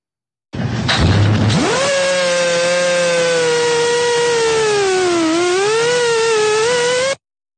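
A hidden Russian military drone in Ukraine buzzes loudly and continuously as it targets a vehicle that starts to move. Its motor whine spins up quickly, then holds a steady, harsh pitch that dips briefly and climbs again before cutting off. No voices.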